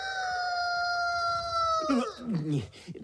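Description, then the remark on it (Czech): A voice imitates a chicken: a long, steady, nasal squawk held for about two seconds, then breaking into a few choppy, falling clucking notes, fairly loud. “Tak jsi to slyšel? Žádné kdákání.”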